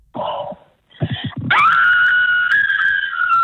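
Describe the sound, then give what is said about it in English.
A caller gives a blood-curdling, spooky scream to win tickets: a few breathy, choppy vocal bursts give way to a long, loud, high-pitched scream that holds a steady wavering pitch for about two seconds, piercing and shrill. “We need a blood-curdling, spooky scream for the tickets, okay?”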